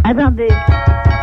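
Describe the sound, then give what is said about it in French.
A voice speaks briefly, then a series of about five steady, heavy knocks on a door follows at an even pace, fairly loud, with a sustained tone lingering underneath. “Vous entendez frapper à la porte?”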